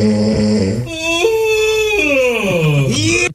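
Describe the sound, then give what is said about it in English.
A long, drawn-out vocal yawn lasting about three seconds, its pitch stepping up, holding, then sliding down in a groaning, whine-like tone before it cuts off. No talking. “Okay, you heard the yawn.”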